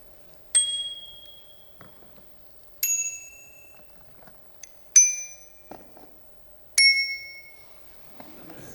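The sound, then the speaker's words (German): A bicycle bell rings four separate times at a steady, unhurried pace, each sharp ding decaying slowly with a relatively low, mellow tone, loud with no talking. “Der Ton ist auch nicht so hell wie manch andere und hat auch keinen verspielten, besonderen Ton. Es ist ein vergleichsweise tiefer Ton.”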